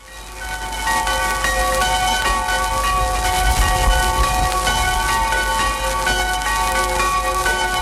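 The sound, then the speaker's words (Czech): The Křemešník church bells Srdce Páně (1933) and Ježíš Maria (1863) ring steadily in a pre-war radio archive recording, their overlapping metallic tones sustaining and layering throughout, heard through the hiss and low rumble of the old, noisy recording. “Dochovaný zvukový záznam z rozhlasového archivu je tak jediným svědectvím o tom, jak před válkou tyto zvony zněly.”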